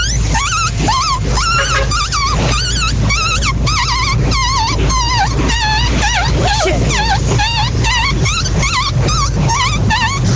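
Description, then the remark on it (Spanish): A person's voice imitates a newborn puppy, with a loud, continuous stream of high, wavering whimpers, squeaks and short yips over a low background hum. “Mi talento oculto, perrito recién nacido.”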